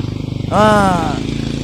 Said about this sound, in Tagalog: Nagalinabay ang mga motor, ara lang sa kilid.